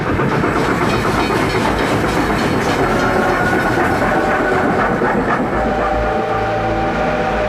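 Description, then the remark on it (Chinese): A train on the Yingxia Railway carrying personnel and munitions to the Fujian front rumbles steadily along the tracks for the whole stretch, with a dense, loud low roar, rhythmic rail clatter and a hissing wash of noise over it; no one speaks. “大批人员、军火，甚至是鱼雷快艇，通过鹰厦铁路运抵福建前线。”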